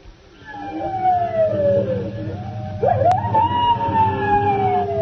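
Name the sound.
coyote howling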